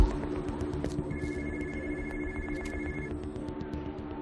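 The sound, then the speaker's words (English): A mobile phone, left under a truck, rings with a steady electronic tone lasting a couple of seconds, heard over a continuous low rumble of engine or traffic noise. No one speaks. “Whose phone is that? Is that hers?”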